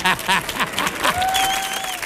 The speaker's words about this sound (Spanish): Fuerte el aplauso